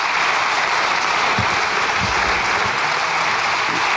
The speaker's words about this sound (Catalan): Aplaudeixen des de la bancada socialista, riuen, ho sentíem fa uns segons, des de la bancada del Partit Popular.